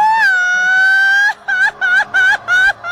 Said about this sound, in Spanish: Échate tu grito mexicano. ¿Ya de una vez? De una vez.